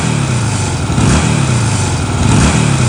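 custom motorcycle engine revving

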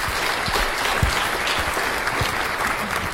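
applause

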